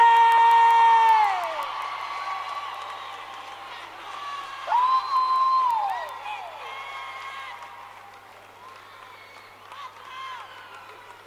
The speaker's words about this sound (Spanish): ¿Está el potro por ahí o no? ¡Fuerte el aplauso